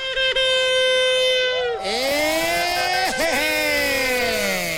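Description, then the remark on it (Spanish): A long, loud horn blast sounds for several seconds as a rich, buzzing tone, starting the Gasolinazo 2026 at the Modelo gas station for La Mejor FM 100.1. It briefly falters near the start, then slides to a lower pitch and wavers with a couple of quick dips. “con ese pitido vamos a dar inicio el gasolinazo 2026.”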